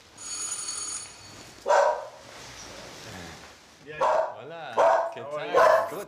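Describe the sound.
Two dogs bark in several loud, sharp bursts, spaced irregularly, at a private home in the upscale Nunez neighborhood. A high electronic ringing tone comes first, and faint voices can be heard in the background.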